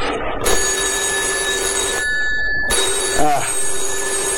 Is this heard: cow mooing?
no